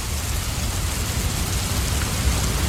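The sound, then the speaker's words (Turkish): Steady rain falls in a dense, continuous hiss with soft patter on surfaces, even and unbroken throughout, moderately loud with no voices. “Oh, ne güzel yağıyor.”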